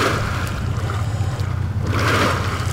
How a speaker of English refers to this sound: About 9 miles from the canal, in the master planned community of Anthem, Colorado River water is coming out of a pipe, bubbling into big holding ponds. They're owned by EPCOR, a private utility company.